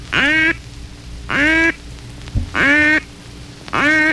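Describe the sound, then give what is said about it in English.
Four long, drawn-out nasal quacks of the lonesome hen call blown on a hen duck call, evenly spaced about a second apart, loud with no talking, each note sliding slightly in pitch. “Another call which brings good pre-dawn results is the lonesome hen call.”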